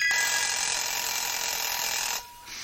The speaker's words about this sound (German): Der Wecker.